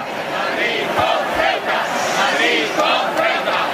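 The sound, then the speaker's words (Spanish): A large protest crowd at the Plaza de Cibeles in Madrid, Spain, chants a slogan in unison, many voices shouting together in a steady, rising-and-falling rhythm that stays loud and dense throughout. “De hecho, ahí el grito más repetido era este.”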